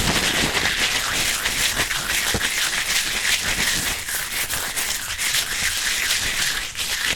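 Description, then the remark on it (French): Crepe paper is stretched and crumpled, producing a dense, continuous crackling rustle that stays steady and fairly loud throughout, with tiny sharp crinkles and no voices. “On commence avec le papier crépon. Si on l'étire, on entend... « Et si on le froisse?”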